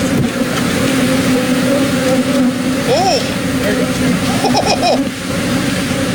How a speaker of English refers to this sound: a semi-truck that overturned in Texas. Yeah. I was carrying the beehives and it crashed. Here's some, this is what it sounded like. Is this real? It's real? This is the actual sound? All right, here's what it sounded like on scene of all the bees.